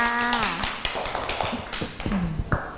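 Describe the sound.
A run of sharp, snappy hand claps in a loose, uneven rhythm, given as applause for a young child, with a voice talking briefly at the start and again near the end.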